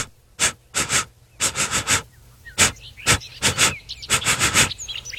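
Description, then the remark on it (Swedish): An animal named Blooper sniffs at a cape in quick, rhythmic bursts of short breathy sniffs, grouped in clusters with brief pauses between them. No voices are heard. “Kan du sniffa på sin kåpen, Blooper?”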